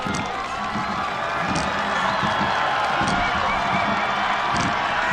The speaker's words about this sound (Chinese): 接近终点看台了，能听到现场主场的观众震耳欲聋的欢呼声。